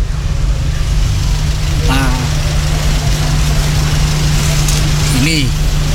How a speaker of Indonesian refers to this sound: Ini yang dari Malang ini, bis-bis ini sangat, bis-bis besar-besar ini semua lagi pada mengantri semua, karena jalurnya ada bego, yang informasinya begonya melintang dikarenakan ada gangguan mesin begonya.